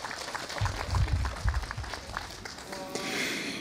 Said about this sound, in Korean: 뜻깊은 축가로 함께해 주신 합창단과 중창단 여러분께 다시 한번 큰 박수 보내주시기 바랍니다.